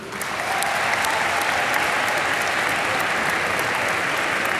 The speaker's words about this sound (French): Et on est allé jusqu'au bout, donc je voulais vous en remercier et je pense qu'on peut s'applaudir.